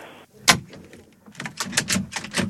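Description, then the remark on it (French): A door is shoved with one sharp knock, followed by a run of rattling, scraping bursts as it is pushed and jostled open. No one speaks. “Non, mais poussez sur la porte.”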